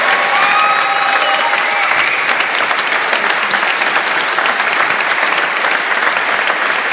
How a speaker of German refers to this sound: Wirklich von Herzen vergelt's Gott, bitte gebt ihr auch einen großen Applaus, bitte.